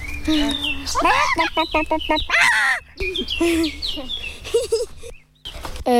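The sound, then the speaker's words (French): A 10-year-old child's voice imitates a hen's cackle after it has laid an egg, a rapid run of sharp repeated clucks rising into a loud, squawking call, energetic, with a few more clucking bursts after a brief pause. “Quand elle a pondu son œuf.”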